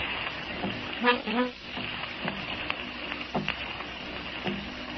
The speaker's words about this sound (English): Someone is tapping on the door. Gosh, for a minute, I did think that. But it's just the rain against the windows.